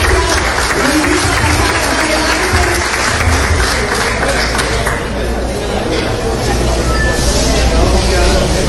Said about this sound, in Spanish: un aplauso por favor.